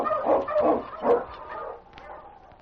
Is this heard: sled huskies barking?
yes